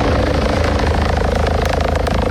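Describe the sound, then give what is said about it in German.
A Rega rescue helicopter flies overhead on its way to a mission in summer weather, its rotor producing a dense, rapid chopping throb with a broad engine whine, loud and continuous throughout with no voices. “Der Regen, der unterwegs ist zum Einsatz. Sei das wegen einem Bodyunfall wie im Appenzell gerade gestern oder in den Bergen.”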